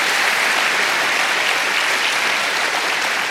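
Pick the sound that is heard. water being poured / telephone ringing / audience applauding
audience applauding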